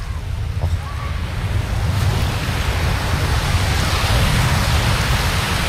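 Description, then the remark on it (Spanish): Surf washes steadily onto a beach, a broad continuous roar of breaking waves with a slow swell building toward the end, fairly loud, no voices. “Yo os voy a dejar con ese sonido maravilloso para que disfrutéis. Por favor, sí. Os quiero, desde la playa también, desde todas partes.”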